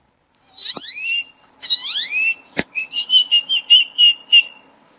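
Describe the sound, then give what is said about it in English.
A person imitates a great-tailed grackle: two loud rising, squeaky whistled sweeps with a sharp click, then a rapid series of about eight shrill chattering notes, alone. “When I was 4 years old at the zoo, I started mimicking this great toad grackle that was bothering my sister.”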